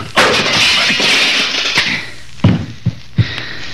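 A fight with a loud rushing crash of scuffling at first, then a string of four sharp, heavy punching thuds with brief gaps between them. No voices.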